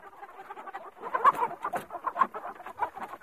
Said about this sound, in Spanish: Gallinas, creo, ¿no? Suena a gallinero lleno. Bueno, sí, más bien. De esas de cuando les vas a echar el pienso, ¿no? Se ponen como arremolinadas.